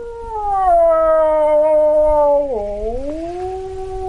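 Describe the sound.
A wildlife expert imitates a typical wolf howl in a remote Ukrainian village on the edge of the Polesia Nature Reserve near the Belarusian border: one long, loud, sustained wail that slowly slides downward, briefly dips, then swells back up. Only a faint low rumble sits in the background.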